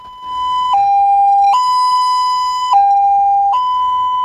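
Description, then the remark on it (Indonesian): An ambulance siren alternates steadily between two tones in a slow hi-lo pattern, loud, with no voices present; this pattern signals the ambulance is carrying a patient who is not in an emergency condition. “Nah, ternyata setiap suara sirene memiliki makna sesuai tugas yang dilakukan ambulan pada saat itu.”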